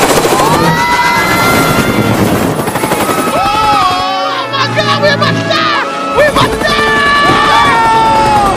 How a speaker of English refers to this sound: The propellers cut through the tops of trees and the helicopter spins out of control.